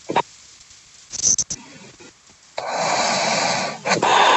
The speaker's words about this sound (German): schön, dass wir dich wenigstens kurz atmen gehört haben